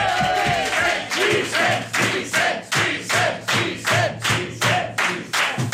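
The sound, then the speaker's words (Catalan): An audience of people from Tortosa applauds Vicenç Villatoro loudly, clapping together in a steady rhythmic beat of about two claps per second, with cheering voices rising over the clapping throughout. “Va, rebem un fort aplaudiment a Vicenç Villatoro!”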